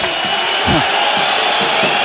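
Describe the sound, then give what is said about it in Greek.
Spanish fans of Valencia applaud at a game against Panathinaikos after a disallowed play, a steady, dense wash of clapping and roar that stays loud throughout, with low murmuring voices underneath. “Χειροκροτούν οι Ισπανοί φίλαθλοι.”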